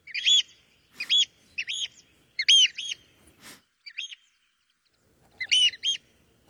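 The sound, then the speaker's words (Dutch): A bird flying over an office building in the morning gives loud, high-pitched chirping calls in short repeated bursts, roughly seven or eight sharp notes with brief pauses between them, with no one talking; it has built a nest by the building. “Elke ochtend horen wij namelijk deze school extra luid over het gebouw vliegen, omdat hij vlakbij een nest heeft gemaakt.”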